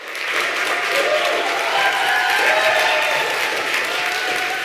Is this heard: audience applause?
yes